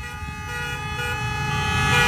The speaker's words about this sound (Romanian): Cine e pe Zoo acum, deci, să dea tare efectiv claxonul? Efectiv, fiecare mașină... Ia, uitați! Da. Hai, mașinile care trec pe Vasile Milea să dea claxoane!